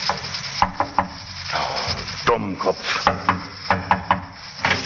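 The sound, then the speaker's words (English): A general knocks on a barber's shop door in North London around midnight: sharp wooden knocks in several short, uneven bursts, clear, over a steady background hiss with a faint low hum. “He got out of the taxi and, after looking about very carefully, knocked at the barber's door.”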